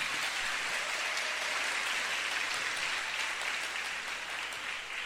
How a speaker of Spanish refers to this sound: Un saludo a todos ustedes en esta hermosa comunidad, a todos los que nos escuchan ahora mismo en directo a través de la emisora Minuto de Dios. Un aplauso para ellos.